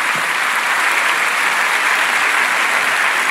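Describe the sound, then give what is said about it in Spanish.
Loud, sustained applause from a standing church audience after a sermon, given to the Lord, fills the whole stretch, a dense, steady wash of many hands clapping with no voices standing out. “Dele un aplauso bien grande al Señor por esta palabra.”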